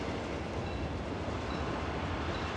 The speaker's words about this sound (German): Nach etwa 20 Kilometern Fahrt erreicht der Zug den beliebtesten Haltepunkt der gesamten Strecke, den Bahnhof Zhongdongjin.